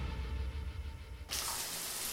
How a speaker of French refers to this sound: Examinons ce que l'on peut entendre sous la douche. Ça, vous l'entendez.